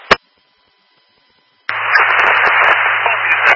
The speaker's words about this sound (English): With a lot of static, I believe you said all units in service?